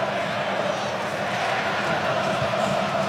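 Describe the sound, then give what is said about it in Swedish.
A huge stadium crowd of Argentine football supporters roars steadily for the full three seconds at the World Cup final arena, in the 78th minute of a match against Spain, a dense, unbroken wall of voices with no single shout standing out. “De argentinska supportrarna vrålar på VM-finalarenan för att ingjuta mod och förtroende för sig själva”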